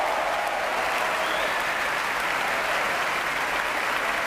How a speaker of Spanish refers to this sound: Aplausos para él, de pie en el podio, y él indicando también que los aplausos sean para los músicos.